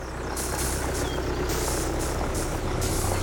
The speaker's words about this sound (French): Un tracteur, c'est donc une bestiole des champs.